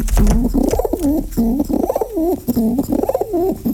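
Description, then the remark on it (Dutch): A pigeon coos repeatedly, a series of low, throaty warbling calls rising and falling in a steady rhythm, about four or five phrases with brief pauses between them. “Ja, al die duiven hadden een eigen karakter en verdienden een naam.”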